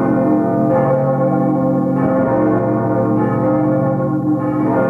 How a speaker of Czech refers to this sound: Inak zvony zvoní v Anglii, inak v Evropě, inak na východě od našich hranic. A je to poznat, každý člověk to může vnímat a je to velice zajímavé.